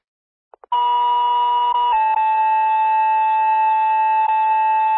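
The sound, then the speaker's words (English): Fire dispatch alert tones sent at 21:24 for City of Burlington and Rochester, for a possible structure fire at a barn on Fishman Road: after two quick clicks, a loud, steady electronic tone with buzzy harmonics holds, then drops slightly in pitch and continues unbroken to the end. “Time of tones 2124.”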